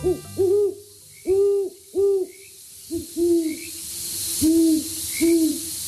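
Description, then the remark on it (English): A great horned owl hoots a series of deep, resonant calls in a stuttering rhythm, with pauses between groups, heard clearly over a faint steady background hiss. “Many great horned owls make their homes in urban areas.”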